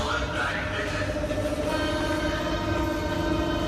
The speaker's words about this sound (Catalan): És el metro de Berlín en plena onada de calor. Com que cap comboi té aire condicionat, no hi ha més remei que obrir les finestres.